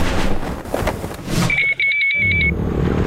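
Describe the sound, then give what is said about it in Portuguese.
A motorcycle roars past with a loud, rough engine rush that cuts off, followed by a steady, high-pitched electronic beeping tone lasting about a second. No one speaks. “Amor, ouviu essa moto?”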